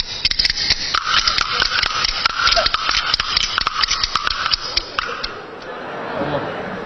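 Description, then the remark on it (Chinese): Rapid bamboo clapper boards clack and rattle along unevenly, the strikes of two players jumbled and out of step with one another, loud, then trail off into a quieter shuffling pause. A master and apprentice are playing together in a stage performance. “咱俩演 板儿得先打齐了。”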